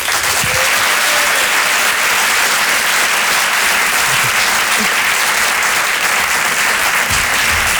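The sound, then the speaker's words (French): An audience at the Open du Rire comedy show at Le Grand Point Virgule applauds a new comedian coming on stage, steadily and loudly for the full stretch, a dense, even wash of clapping with no pauses and no voices standing out above it. “Je vous demande de l'applaudir très chaleureusement, s'il vous plaît.”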